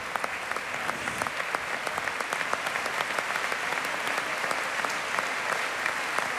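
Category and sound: crowd, concert audience applause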